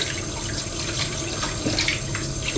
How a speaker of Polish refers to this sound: Trzeba oczywiście umyć ręce, bo nam się zrobiły bardzo brudne od oleju i mąki.